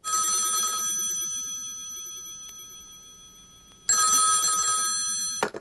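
An old-fashioned telephone bell rings loudly in two bursts, the first from the start and the second near the end, with a quiet ringing decay in between.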